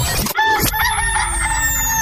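A rooster crows loudly up close, one drawn-out, warbling cock-a-doodle-doo, with a steady falling electronic tone sweeping beneath it and no voices.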